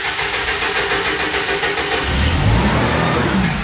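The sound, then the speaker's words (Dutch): An engine is restarted: it cranks and catches, then revs up into a loud, steady rumble that swells after a couple of seconds, with no voices present. “Zo, de motor weer gestart.”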